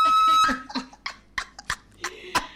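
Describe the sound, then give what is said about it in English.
Crisp, crackling bites of deep-fried frog legs being chewed, about half a dozen sharp crunches at an uneven pace, with a faint tonal hum at the start. “It's crunchy. Hey, now. Crush, crush, crush. Hear that?”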